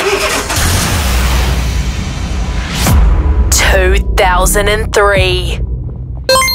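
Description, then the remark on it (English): A green 2003 Nissan March car engine cranks and turns over into a steady low rumble, and partway through excited, high-pitched voices start shouting over the running engine. “All right, so it's a green Nissan March 2003.”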